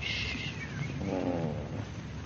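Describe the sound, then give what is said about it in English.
A loud, continuous purr from a cat called Shakespeare rumbles low and steady for a couple of seconds, with a brief higher-pitched tonal sound rising over it midway. “And don't purr so loud.”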